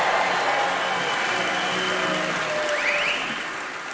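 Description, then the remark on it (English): A live show audience practices clapping and cheering for WSM radio, a dense, steady wash of applause, with a few rising whoops and whistles near the end before it begins to taper off. “when you clap and cheer and make everybody feel welcome on the stage, everyone around the world can hear you on WSM radio.”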